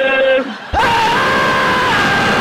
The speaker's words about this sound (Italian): E lasciami gridare.